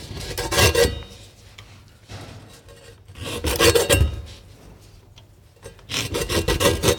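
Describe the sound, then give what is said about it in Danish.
Three bursts of harsh, rasping scraping from the large knife at Kludmadammens spor at the Papirmuseet (paper museum), like a large blade rubbing and grinding through material, each lasting about a second or more with quieter gaps between. No one speaks. “Og gårdagens lyd, det er Papirmuseet, fordi det er nemlig den store kniv ved Kludmadammens spor, du altså kunne høre her på Papirmuseet.”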